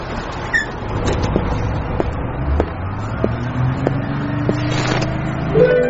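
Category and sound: vehicle, bus engine running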